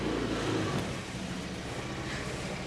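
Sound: car driving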